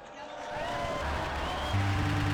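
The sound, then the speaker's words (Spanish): An audience applauds in honour of Saint John Fisher, Saint Thomas More and Saint Paulinus of Nola, a steady, dense wash of claps mixed with crowd murmur and scattered voices, swelling after the first half second and holding at an even, moderately loud level. “Brindemos nuestro vivo aplauso a San Juan Fisher, Santo Tomás Moro y San Paulino de Nola.”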